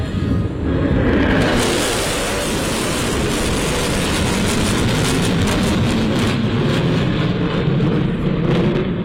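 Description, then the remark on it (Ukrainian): A loud, continuous jet roar fills the whole stretch, a dense rushing rumble that holds steady as US B-1 Lancer strategic bombers, capable of up to 1500 km/h, pass overhead, with no voices. “Такі можуть розганятися до 1500 кілометрів на годину і є ключовим елементом ядерної тріади США.”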